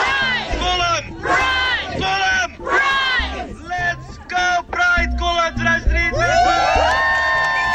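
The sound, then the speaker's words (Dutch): A large crowd shouts a call-and-response chant in unison, answering the call "Kolm" with "Pride", loud repeated bursts of massed voices, then breaking into a long, sustained cheer. “Als ik zeg Kolm, zeggen jullie Pride.”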